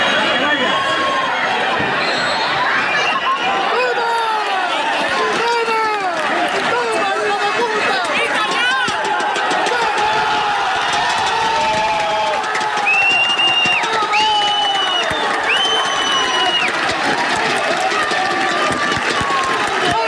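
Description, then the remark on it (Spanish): A football stadium crowd at the Calvo Sotelo in Puertollano roars and cheers continuously at the final whistle of a 1–0 win over La Solana that promotes the home team as third-division group champions. A dense wall of shouting voices, with a few sustained high whistle-like tones sounding over the din near the end. “Porque así sonaban las gradas del pitido final del Calvo Sotelo 1, la Solana 0, con el que el equipo de fútbol de Puerto Llano ascendía ayer a eso de las 8 de la tarde a segunda red, tras proclamarse campeón del grupo 18 de tercera división.”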